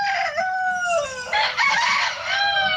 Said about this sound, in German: Ja, da sind dann alle wach beim Hahn-Krähe-Wettbewerb in Randers-Acker. Na Mahlzeit. Also, da krähen die Hähne um die Wette und es geht darum, wer kräht in einer vorgeschriebenen Zeit am häufigsten.